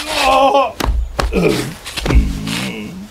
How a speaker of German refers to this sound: Aua. Oh nein, mein Po. Jetzt bist du auch hingefallen. Warum ist das so rutschig? Es hat heute Nacht Glatteis gegeben.